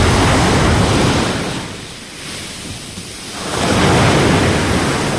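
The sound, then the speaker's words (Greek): Loud surf from a rough sea crashes onto Kathisma beach on Lefkada, Greece, in broad roaring swells, easing briefly in the middle before a second heavy wave surges in, with no voices. “Η Όλγα έχει φουρτουνιασμένη θάλασσα, μπόλικο κύμα, από το κάθισμα στη Λευκάδα.”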